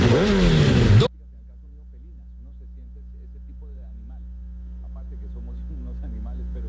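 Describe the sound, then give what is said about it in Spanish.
A motorcycle engine revs loudly in a short, roaring burst, then cuts off abruptly, leaving a low steady hum with faint voices murmuring underneath. “Con repuesto Revo, lleva tu moto a otro nivel.”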